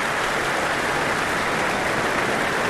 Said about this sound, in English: I don't think they're going to let her go yet. The applause continues, the stamping of the feet on the floor. And here she comes once again. And once again with our conductor tonight, Lahav Shani, following her on.